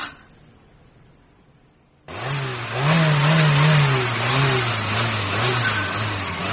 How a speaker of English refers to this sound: I wonder if you could turn the engine off, Ra. Just for a moment. I am very busy, Ra. And do you hear that? Do you hear how that engine sounds? Ah, that engine is happy now.